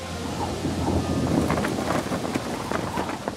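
Heavy rain from a sudden summer storm at Lake Waging (Waginger See) pours down steadily, with a deep rumble of thunder rolling underneath, loud, with scattered sharper drops and splashes cutting through the dense wash of sound.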